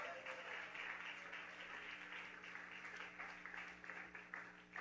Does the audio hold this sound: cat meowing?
no